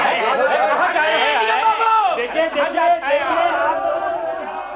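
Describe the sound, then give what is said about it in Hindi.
A crowd of people makes a loud commotion, many voices overlapping in a dense, continuous babble of shouting and chatter that holds steady for several seconds before easing slightly. “इन लोगों को तो शोर शराबे के अलावा और कोई काम ही नहीं है।”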